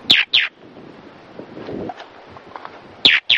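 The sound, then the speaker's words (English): Harsh, shrill alarm calls of Galapagos mockingbirds, small brown birds, burst out in quick pairs, two at the start and two at the end, loud, over a steady background of wind and surf; the calls warn one another of an approaching hawk. “The mockingbirds use this alarm call to warn one another of a hawk's approach.”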